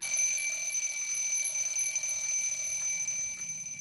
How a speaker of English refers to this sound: As the hands moved, the clock made a gentle tick-tock sound. Mr. Ncube set the alarm so it would make a long, loud tring to wake him up at 5 o'clock every morning.